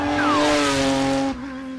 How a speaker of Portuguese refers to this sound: Para vos dizer que neste momento está a passar o carro de segurança zero, portanto, dentro de momentos, temos competição aqui pelo Chão de Lagoa, podem ouvir o Porsche.